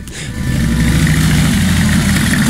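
A motorcycle engine roars, its exhaust swelling within the first moment into a loud, steady low rumble that holds for the rest of the short stretch, with no voices.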